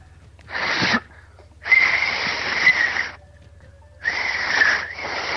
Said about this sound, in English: I don't know if you're actually whistling. It's just he is watching him. He's using fingers in his mouth. Okay, stop. That's annoying. Like, we just hear air is what it is.